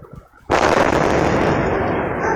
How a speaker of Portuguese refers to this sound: E aí a explosão por gás, depois cachorro latindo, enfim, não dá pra ver nada na imagem que o ouvinte mostra, é só mesmo o circuito interno ali monitorando o que parece ser uma varanda, um terraço ali na parte de cima, mas o barulho é muito forte.